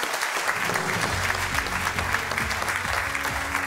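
A studio audience on a Hessen quiz show applauds a departing contestant steadily, a dense wash of many hands clapping at even loudness throughout, with no voices rising above it.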